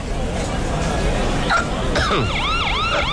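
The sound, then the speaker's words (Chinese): A police car siren wails in quick rising and falling sweeps as a police car arrives at a barbecue restaurant, entering partway through and sounding loud over a noisy background of crowd chatter. “什么情况？怎么又来警车了？”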